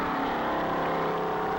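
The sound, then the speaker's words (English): A race car, numbered 138C, fishtails at takeoff on a dry lake bed course, its engine roaring loudly and steadily, a dense continuous drone holding a constant pitch with no speech over it. “The car fishtailed at the takeoff.”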